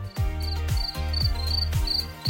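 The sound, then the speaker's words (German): Crickets chirp in short, regular high-pitched bursts, repeating about twice a second over a steady backdrop of deep rhythmic thumps, like a beat running underneath; the SWR4 radio summer-night sound of chirping crickets, hidden in the station's music mix. “Dieses SWR4-Sommernachtsgeräusch, das Zirpen der Grillen”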